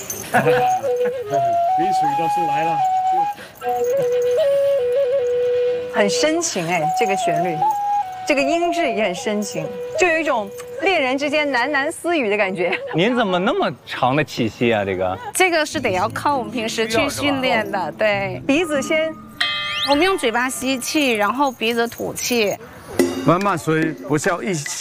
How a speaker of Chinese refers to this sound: 对，这是传统鼻箫，它这个是三孔乐器，然后呢，我们也是斜放在我们的鼻子下方，然后呢，用我们的横膈肌要去控制我们的气息，就呼出来的气大气小，然后来控制它的音质，因为它只有这三个孔洞。